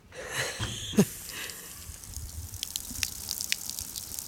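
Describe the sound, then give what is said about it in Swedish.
Water gushes from a push-button outdoor tap on the wall of a public toilet building after a brief thump, settling into a steady splashing hiss with faint dripping sounds; no one speaks. “Jajamän, här var den, det är bara som en kran, nu ska jag trycka på den.”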